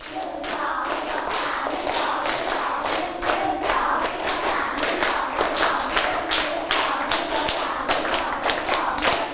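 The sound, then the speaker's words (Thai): A group of children claps their hands in three sets, loudly and steadily for several seconds, the claps ragged and overlapping rather than in unison, with no one speaking. “ปรบมือ3ชุดไม่ผ่านเพราะว่าไม่มีเสียงพูดออกมาด้วยมันก็จะไม่พร้อมกันคราวนี้ปรบมือ3ชุด”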